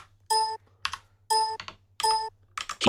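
Computer clicking while a checkbox is ticked and the Run button is clicked in an uninstaller program: clusters of short, crisp clicks alternating with brief bright electronic tones in a steady back-and-forth pattern, with a low hum underneath and no talking.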